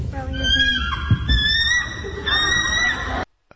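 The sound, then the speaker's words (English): A boy imitates a bald eagle's call with his mouth: a high, squealing, fast series of piercing, chattering whistles, loud, lasting about three seconds before cutting off abruptly. “This is the sound of an actual bald eagle.”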